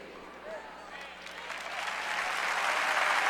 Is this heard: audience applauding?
yes